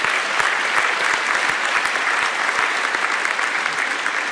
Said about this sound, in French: Donc on peut vraiment à nouveau les applaudir. Merci à eux.